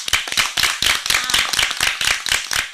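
Loud audience clapping fills the moment, a dense, steady patter of many hands with sharp, bright claps overlapping continuously and no voices.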